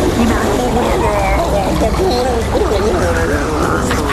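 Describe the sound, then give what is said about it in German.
A steady, loud rush of fresh rinsing water during tooth brushing fills the whole stretch, with voices talking over it throughout. “Aber dafür kommt jetzt noch eine Ladung frisches Wasser für dich.”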